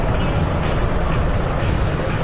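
A military helicopter's rotor chops steadily, a loud, constant low rumble with a dense mechanical roar over the full span and no voices.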